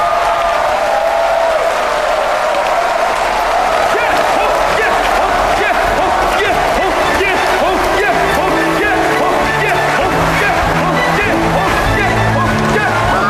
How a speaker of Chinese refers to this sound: 爆发出雷鸣般的掌声和欢呼声，人们的脸上写满了羡慕和渴望。